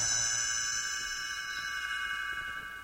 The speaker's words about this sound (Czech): Můžete ho číst společně se mnou ve své knížce. Stránku obraťte až tehdy, když zazní tento zvoneček.